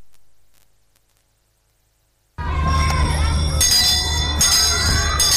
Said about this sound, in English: Prima's educational bells are ringing. They are ringing again and again.